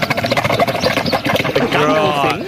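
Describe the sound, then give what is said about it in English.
A camel's guttural call: a loud, rapid run of throaty, rattling pulses gives way to a drawn-out, wavering groan that bends in pitch before fading. “I actually, once you know it's a camel, if you've heard them be quite guttural, then you'd be like, oh, yeah, sort of.”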